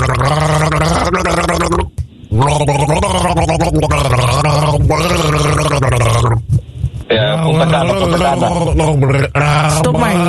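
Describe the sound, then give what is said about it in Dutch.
A person gargles water loudly and continuously, the bubbling throat sound rising and falling in word-like phrases with brief pauses between bursts, as if trying to mimic speech. “Zal ik hem nog even één keertje voor je gorgelen dan?”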